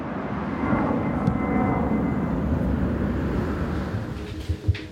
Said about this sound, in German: Direkt über ihrem Haus starten und landen Flugzeuge. Und das rund um die Uhr. Denn am Flughafen Hannover-Langhagen gibt es kein Nachtflugverbot.